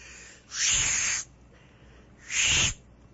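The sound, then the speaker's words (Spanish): Two breathy, airy blows with no clear whistle tone, each about three-quarters of a second long, separated by a short pause. They sound like a failed attempt at whistling. “Se me hace que se me acabó el saldo del silbido, mira.”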